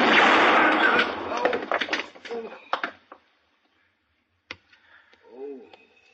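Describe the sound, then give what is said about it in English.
A loud burst of noise and clatter fades out, then a single sharp gunshot cracks, hitting a gun and knocking it from a man's hand. Near-quiet follows, with a faint warbling sound in the background. “I hit the gun.”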